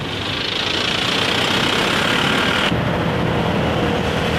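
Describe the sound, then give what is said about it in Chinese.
A dense, continuous roar of motorcycle engines on a national highway at Wuzhou, on the Guangxi–Guangdong border, where migrant workers from Guangxi, Hunan and Guizhou ride motorcycles home for the New Year. Loud with no break, its bright upper hiss drops slightly partway through. No one speaks. “梧州地处两广交界，这条国道是广西、湖南、贵州等地民工骑摩托车返乡过年的必经之路。”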